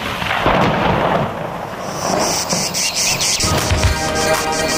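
A thunderstorm with steady rain hissing throughout and low rumbling thunder rolling in the background, while high insect chirping rises toward the end. There is no talking.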